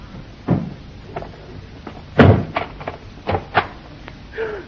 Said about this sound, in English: Hang on, sir. I'll move these things away from the door.